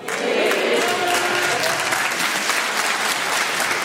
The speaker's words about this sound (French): Il y a vraiment que les meufs qui applaudissent, c'est marrant, hein.